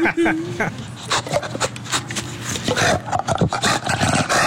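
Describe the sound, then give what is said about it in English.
An animal named Smooch lets out a series of raspy growling barks and shrieks, loud, with a harsh, reptilian, raptor-like screech quality over several seconds. “Sounds like a velociraptor.”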